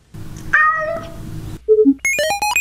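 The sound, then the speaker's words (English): A single drawn-out cat meow put into a cat translator, clear, falls in pitch over a low background rumble, then two short electronic tones and a quick, bright chime-like jingle follow. “You put a little meow in there and here's what they translate.”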